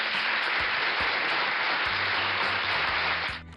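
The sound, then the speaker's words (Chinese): Sustained applause from a crowd, a dense steady wash of clapping that fills the whole clip at an even level before tapering off at the very end. “好了，小故事说完了，最后的掌声是给从不愿意动脑筋变成了愿意动脑筋的小豚鼠哈，是送给他的一个改变和成长，对吧？”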